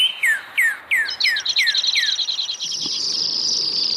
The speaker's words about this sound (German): Vögel produzieren langsame, schnelle und ultraschnelle Triller.